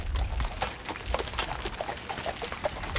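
Two cold-blooded draft horses pull a carriage across the seabed at low tide from Nordstrand to the Hallig Südfall, one of three carriages setting off together; a steady run of irregular splashing clops over a constant wash of churning, trickling water, with no voices.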